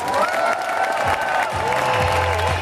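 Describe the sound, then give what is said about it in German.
A large crowd applauds steadily, dense clapping with some cheering and whistles mixed in, loud and continuous throughout, on a hot afternoon at tennis star Angelique Kerber's farewell match at the Bad Homburg Open in Bad Homburg. “Und dafür gab es an diesem heißen Nachmittag in Bad Homburg den größten Applaus.”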